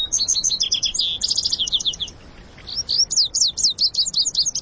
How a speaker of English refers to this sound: And where the lazuli bunting sings, you'll often hear the music of vesper sparrows and western meadowlarks. With such a chorus at hand, you may find it hard to leave the canyon.